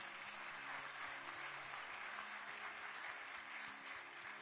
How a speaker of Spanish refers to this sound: ¿Por qué no le damos un aplauso a Dios por ellos?